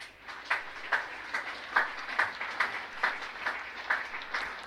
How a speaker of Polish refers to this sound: Bardzo proszę o wielkie brawa.